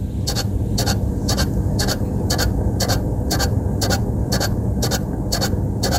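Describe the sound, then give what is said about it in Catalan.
A Chinese lucky cat's waving arm: a steady, even series of sharp mechanical ticks, roughly two per second, over a constant low motor whir, with no voices. “És el soroll que fa un gat de la sort xinès quan mou el braç.”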